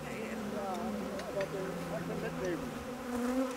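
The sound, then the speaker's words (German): A dense, continuous hum of many honeybees swarming around the opened hive of a nucleus colony as a little smoke is applied on top, individual buzzes rising and falling in pitch as bees fly past and straight at the beekeeper. “Das ist der Ableger und die sind irgendwie ein bisschen wilder als die anderen. Aber da ein bisschen Rauch oben rauf, klein bisschen.”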